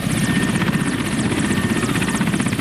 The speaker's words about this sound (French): Direction Mongualou, à environ 80 km au nord de Bounia, à bord d'un hélicoptère.